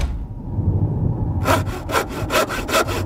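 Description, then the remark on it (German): Rhythmic hand sawing through wood, loud, with about seven quick back-and-forth strokes after a low rumbling start; no voices. A man up on a roof is sawing the roof into two parts. “Herr Müller stieg aufs Dach und begann, es in zwei Teile zu sägen.”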